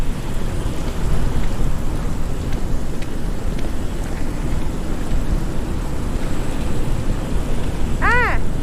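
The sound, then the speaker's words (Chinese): Steady, heavy rain pours down in a dense, unbroken hiss with a deep low rumble beneath it. Near the end, a brief rising-and-falling tonal chirp cuts through. “哎， 我们半个小时前就来了，那会儿还没下雨呢。”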